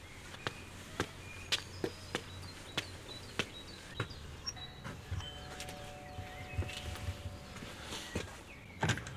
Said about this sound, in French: Je marche jusqu'à la villa blanche au volet bleu. Voilà, il y a une petite dizaine de marches, et je vais sonner à la porte.